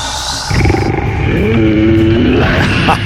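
A loud, deep animal roar rumbles close up for about three seconds, with a growling low-end texture and a sustained tonal swell in the middle, no talking.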